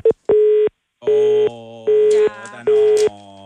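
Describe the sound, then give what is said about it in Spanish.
A telephone busy signal: loud, steady tone bursts repeating at an even cadence, roughly five beeps with short silences between, heard as if through the handset. “Marque bien el número, porque tenemos que hacer ese llamado.”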